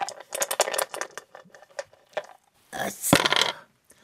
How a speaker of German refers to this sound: Aber du hast doch eine 8 gewürfelt. Du darfst noch einmal würfeln.